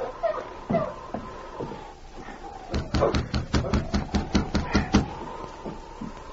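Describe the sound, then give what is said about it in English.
A rapid run of about a dozen sharp knocks on the wooden door of an isolated cabin while it is snowing, following a few scattered softer taps and shuffling sounds. “As he waited for the door to open, Jim looked over his shoulder nervously. Then he knocked again.”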